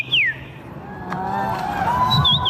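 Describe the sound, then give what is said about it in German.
A person imitates birdsong at the annual bird-call imitation championship in Warsaw, Poland, with high whistled calls: a quick descending sweep, then wavering sustained tones and a brief trill near the end, over a steady background murmur. “Denn in der polnischen Hauptstadt findet einmal im Jahr die Meisterschaft im Nachahmen von Vogelstimmen statt.”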